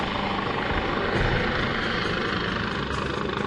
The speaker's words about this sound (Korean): 네, 지금 바다에 입수자가 발생했습니다. 그래서 지금 구조하러 가고 있습니다. 네? 사람을 구하러 간다고요? 네, 맞습니다. 그렇다면 혹시 이 헬리콥터가 수색구조 헬리콥터? 네, 수색구조 헬리콥터입니다.